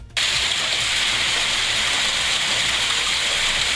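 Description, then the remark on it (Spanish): Dense, steady hiss of heavy rain with plenty of fine, small hail pattering throughout, loud, starting abruptly and continuing unbroken with no voices. “Mucho granizo chiquito, no piedra, granizo.”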